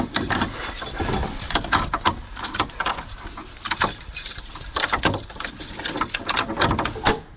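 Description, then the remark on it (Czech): Metallic rattling and sharp clicks of a key working an old door lock at Krakovec, near Rakovník, in a rapid irregular series of clanks. Heavier thuds break in as the door bangs shut. No voices. “Tenhle zámek a tohle bouchnutí dveří je už z Krakovce, nedaleko Rakovníka.”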